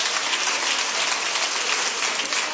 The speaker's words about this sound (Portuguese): Palmas para Jesus. Glorifiquemos ao Senhor pela vida dos nossos irmãos.